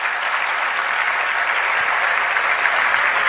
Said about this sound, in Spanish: ¿Cuánto nos podemos aplaudir por eso?